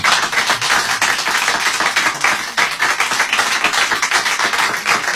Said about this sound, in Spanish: Que también ha venido acá mi madre. Fuerte el aplauso para ella.